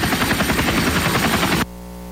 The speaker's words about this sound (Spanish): Ya valió. Ya se estrelló. Ya se le apagó el motor al helicóptero.